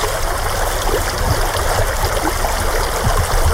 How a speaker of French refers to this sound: C'est bien pratique quand on voit des rivières comme ça parce qu'on traverse facilement.